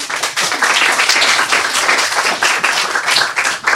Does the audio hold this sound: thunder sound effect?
no